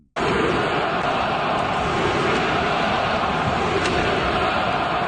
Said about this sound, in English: And let me tell you, the crowd at the Bell Center, well, they had a few choice words for their hockey team.